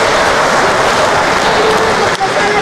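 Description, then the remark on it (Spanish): A large audience applauds mothers loudly and steadily, a dense wash of clapping that fills the whole stretch without pause, with some crowd voices mixed into the din. “Un aplauso a las mamás que aman, que aman, que aman, que aman.”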